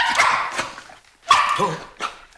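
A dog named Top barks in a few loud, sharp bursts with short pauses between them, one bark ending in a brief rising, whiny yelp, as it senses someone's footsteps.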